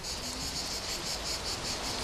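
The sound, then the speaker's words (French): Cicadas chirp in a steady, high-pitched pulsing drone that fills the whole stretch at an even moderate level, with no voices and only a faint low rumble underneath. “Moi, j'entends surtout les cigales.”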